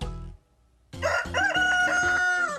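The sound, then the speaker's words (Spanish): A rooster crows once, a loud, harmonically rich cock-a-doodle-doo that rises and then holds a strained, high note for more than a second. A short silence comes before it. “¡Es un gallo!”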